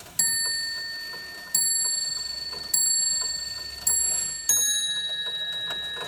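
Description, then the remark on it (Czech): A historical repeater timepiece from a museum collection, a system devised in Austria-Hungary to tell the time at night without lighting a light, chimes the time in five clear, ringing bell strikes, each left to decay before the next; the last strike sounds at a slightly different pitch. Fairly loud, no talking. “z každých hodinek vlastně visela taková elegantní šňůrka a po jejím zatažení tak to sdělilo vlastně”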